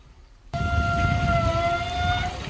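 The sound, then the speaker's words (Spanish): A rusty beach shower, used to rinse sand off and corroded by sea salt, turns on abruptly: a loud, steady rush of spraying water with a sustained, high metallic squeal singing over it for about two seconds. “De las duchas que encontramos en la playa cuando nos vamos a sacar las arenas para irnos para casa.”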